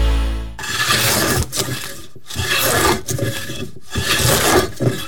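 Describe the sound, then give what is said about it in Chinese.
Wood being carved and filed by a woodcarver who has worked in Sanyi for 15 years: about four long, loud rasping strokes with brief pauses between them, a harsh scratchy grind with no voices. “在三义从事雕刻艺术15年。”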